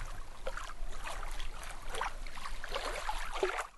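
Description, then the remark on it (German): Water splashes and burbles steadily into a large basin at the lower end of a fountain's water axis, fed with drinking water, with irregular bright bursts of spattering over a continuous wash of flowing water and no voices. “Am unteren Ende der Wasserachse plätschert das Wasser in ein großes Becken.”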